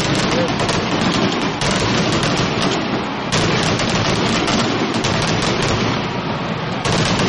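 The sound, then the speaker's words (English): A dense, nonstop barrage of fireworks at the grand finale of a 4th of July fireworks show during a Cardinals baseball game, in the bottom of the fourth inning, with rapid booms and crackling bursts piling on top of each other at full loudness throughout. “I think we have the grand finale here finally of this fireworks show.”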